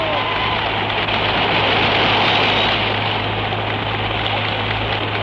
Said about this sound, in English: Well, you can hear the crowd clapping. Right round the ground it goes. A salvo of hand claps for a magnificent footballer who in his first year of league football has broken all records by kicking 100 goals.